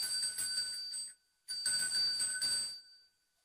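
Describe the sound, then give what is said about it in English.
A small hand bell used for cleansing is shaken in two quick bursts of bright, rapid jingling, each about a second long with a brief pause between, ringing clearly with no talking. “Yeah, and then I've also got a gorgeous little bell which is used for cleansing. Mm-hmm. So we might give it a little ding.”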